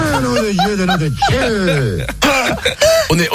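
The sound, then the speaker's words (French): A person clears their throat several times in a row, trying to get rid of a persistent frog in the throat, with rough gravelly bursts mixed with voiced, wavering grunts that rise and fall in pitch, fairly loud and heard on their own. “Merde, un chat dans la gorge, il ne veut pas partir.”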